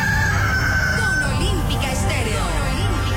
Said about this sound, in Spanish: Sí que sí, el gallo madrugador te levanta, te da los buenos días, te dice levántate.